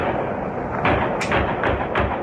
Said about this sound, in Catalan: Els fets han passat a 2:45 de la matinada en un hipòdrom del municipi d'Àreu, a prop de Zúric. En aquest vídeo que corre per xarxa se sent el moment dels trets.